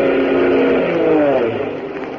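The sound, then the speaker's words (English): A loud, steady army airplane engine drones throughout, its humming tones shifting slightly in pitch as the plane flies past over snow and drops a food package, with no voices. “Hey, listen, a plane.”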